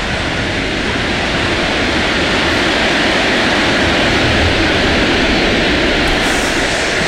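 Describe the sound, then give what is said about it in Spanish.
A stadium crowd at the Monumental applauds and roars from the stands for Lionel Messi as he pauses his farewell speech, a dense, unbroken wash of noise holding loud and steady for about seven seconds with no voices standing out. “Hace la pausa porque cae el aplauso desde la galera y la ovación.”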